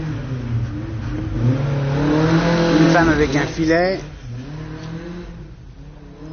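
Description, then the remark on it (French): A rally car engine revs hard as it passes by on a street, its pitch climbing sharply then dropping away, while a person keeps speaking over the traffic noise. “Un connard avec une voiture rallye.”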